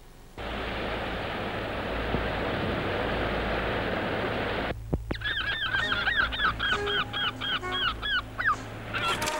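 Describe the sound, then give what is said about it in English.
A loud, steady rushing noise cuts off, giving way to seagulls calling in harsh, repeated, overlapping cries as they follow a boat with freshly caught fish on board on its way back, with faint low hum and a few knocks underneath. “As you can see in this picture, quite a lot of seagulls followed us on the way back.”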